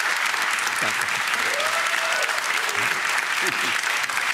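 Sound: studio audience applause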